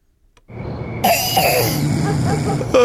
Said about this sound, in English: He got a bad wet cough. How long has this been going on for? About 4 weeks or so.